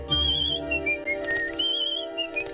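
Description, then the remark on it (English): A pet cockatoo named Mr. Parade whistles a short, high, clear tune of gliding and stepping notes, pausing briefly midway before resuming, over a steady low background hum. “That is a clever cockatoo, but I would not exchange my content for any other bird in the world.”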